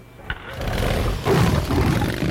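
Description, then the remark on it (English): A chopper motorcycle engine roars with a loud, steady low rumble that swells and grows rougher partway through, with no voices over it. “Whose motorcycle is this? It's a chopper, baby.”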